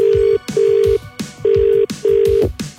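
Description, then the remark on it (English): A telephone ringback tone on an outgoing call from a Gold Central Victoria radio show to this week's Meat Tray Friday winner, steady beeps in repeated pairs of rings with short pauses, fairly loud, over a bed of rhythmic background music. “Let's call the winner of Meat Tray Friday for this week”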